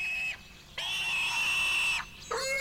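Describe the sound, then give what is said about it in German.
A dying pig squeals loudly in three long, shrill, strained bursts separated by brief pauses, the middle one longest, with no talking. “Caltrap macht den besten Speck hier. Trotzdem stirbt da gerade was.”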